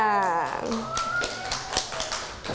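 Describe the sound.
A brief stretch of speech gives way to children clapping their hands, a quick, uneven patter of sharp claps that carries on steadily for a couple of seconds.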